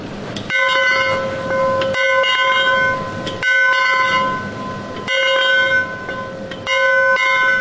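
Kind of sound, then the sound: signal or alarm, bell ringing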